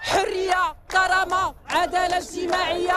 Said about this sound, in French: Liberté, dignité, justice sociale, trois mots scandés par la foule qui résument les revendications principales du mouvement de la jeunesse au Maroc.